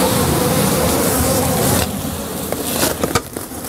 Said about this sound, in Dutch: In de prachtige binnentuin staan houten bijenkasten. En een soort grote, wespachtige beesten vliegen eromheen. Geen bijen. Nee, dit zijn hornaars.